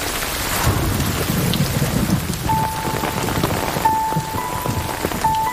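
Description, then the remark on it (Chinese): Steady rain falls outdoors, a dense, continuous hiss and patter with a low rumble underneath and a faint thin tone drifting in partway through; no one speaks. “哎，二姐，二姐你，外面下雨，你慢点啊。”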